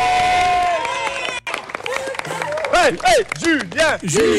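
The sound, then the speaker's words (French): At a school, a crowd claps steadily for the children after a completed challenge while high-pitched voices cheer, rising and falling in repeated whoops that grow louder toward the end, with a brief dip in the noise early on. “On applaudit tout le monde, allez, on applaudit les enfants.”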